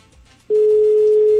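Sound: telephone dial tone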